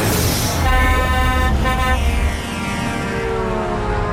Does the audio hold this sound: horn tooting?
yes